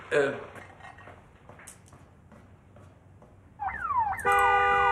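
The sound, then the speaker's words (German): A person speaks briefly, then a car alarm blares into life with a run of falling electronic sweeps before switching to a loud, steady, high-pitched warbling tone. “Entschuldigen Sie die Störung, aber ich glaube, da versucht gerade jemand, Ihren Wagen zu stehlen.”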